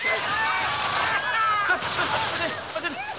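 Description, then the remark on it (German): A fire hose gushes a steady, rushing spray of water on the command "Wassermarsch" at an event in St. Wolfgang, with splashing and sloshing throughout, fairly loud, while voices call out faintly beneath it. “Nein, Ausschluss, falsch! Aus Wassermarsch! Schluss! Aus!”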